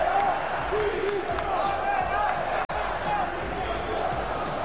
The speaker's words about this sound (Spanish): Así acabó el último trofeo Taronja de Mestalla. Gritos de Corberán dimisión en la derrota 1-2 frente a un Newcastle que llevaba menos de una semana con su nuevo entrenador.